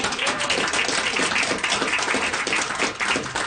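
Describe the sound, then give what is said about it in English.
A crowd applauds for Bob Moffat, a coal miner who had just visited, a dense, steady wash of many hands clapping at once, loud and sustained for a few seconds with no talking over it. “Yeah, round of applause for Bob.”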